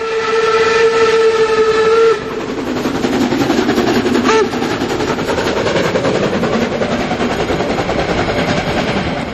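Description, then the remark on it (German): An HSB steam locomotive labours up the mountain just before Drei Annen Hohne station, opening with a long whistle blast before heavy, rapid chugging takes over and pounds on steadily and loudly to the end. “Und hier stampft die Dampflok der HSB den Berg hinauf, kurz vorm Bahnhof 3 an den Hohne.”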